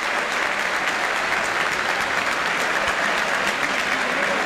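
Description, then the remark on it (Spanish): Sustained applause from a large stadium crowd for goalkeeper Beltrán as he steps up to take a penalty kick, a dense, steady roar of clapping that stays loud and even throughout with no pauses, and no clear voices standing out. “Mirá el aplauso, escuchá el aplauso para Beltrán que va a patear, escuchá.”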